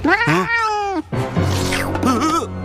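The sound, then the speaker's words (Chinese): A cat, scolded as a bad kitty and told to let go of a Smurf, lets out a couple of loud, drawn-out meows with rising and falling pitch, the second one wavering and whiny, with no other sounds around them. “坏猫咪，放开蓝精灵。”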